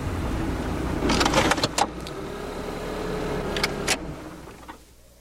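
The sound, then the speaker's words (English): A car engine with a hitched trailer rumbles steadily as it pulls up near a house porch on a cold day, with clanking rattles in two bursts from the jostling trailer, before the motor shuts off and everything goes quiet. “I'll just pull my car and the trailer up here near the porch.”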